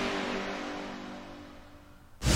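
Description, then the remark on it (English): A cold diesel engine grinds and labours as it tries to start, its low, steady drone slowly fading before a sudden loud burst of noise at the end; no one speaks. “Do you sound like a cold diesel engine trying to start when you sleep?”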